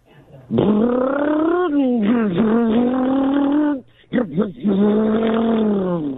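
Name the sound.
car sound effect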